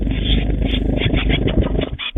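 Young tits at the WDR 4 Meisencamp fluttering their wings on their first flights in a rapid, loud, low whirring flurry that sounds almost like a small propeller, continuous for about two seconds with no voices.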